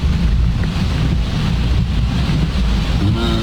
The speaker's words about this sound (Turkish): Mazgallar temizlenmediği için böyle dere haline geliyor burası. Mazgalların temizlenmesini istiyoruz artık.